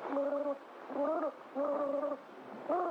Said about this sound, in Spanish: Espera. ¿Escuchaste algo? ¿Algo? Sí. El romántico canto de los grillos que... No. Un ruido extraño. Semejante a un burbujeo.